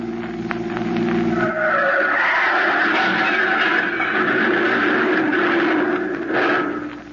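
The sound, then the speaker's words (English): A car skids loudly to a stop at a roadblock, tires screeching in a long, sustained squeal over the steady rumble of the engine, lasting several seconds before fading out. “There's a roadblock up ahead. Now we are caught.”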